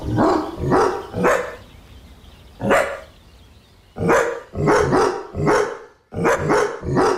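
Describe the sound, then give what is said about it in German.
A dog named Cooper barks loudly while out on a walk, about eleven times in short clusters: a quick run of three, a single bark, then a burst of four and a final three. The barks are sharp and mid-pitched, with no voices. “So klingt Cooper, wenn er Gassi geht.”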